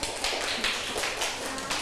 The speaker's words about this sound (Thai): คุณครูขอตัวแทนกลุ่มที่3ค่ะออกมาค่ะปรบมือให้เพื่อนด้วยค่ะนักเรียน